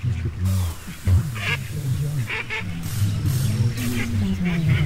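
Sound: duck quacking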